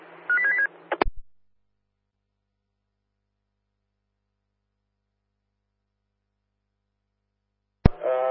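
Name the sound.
telephone keypad dialing tones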